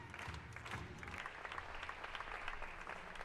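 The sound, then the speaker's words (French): An audience applauds steadily, a dense wash of many hands clapping at an even, sustained level for a few seconds with no distinct individual claps standing out. “Vous ne pouvez pas applaudir pour ça.”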